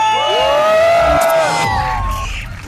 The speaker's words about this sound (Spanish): Ah, bueno, pues ya lo saben, aquí en Lomas del Camichín. Y en todo Tonalá se grita muy fuerte, aquí suena. ¡La que buena! 97.1. ¡Y venga ese grito!